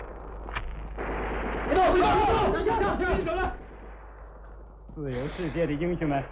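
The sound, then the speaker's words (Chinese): Loud battle gunfire crackles in dense, rapid bursts over a rumbling roar, with artillery-like blasts, as border defense troops fight rioters caught in their encirclement; men shout urgently throughout and again after the shooting fades. “战斗只是在刚刚打响，敌人就发现自己已处在我边防部队严密的包围圈中。”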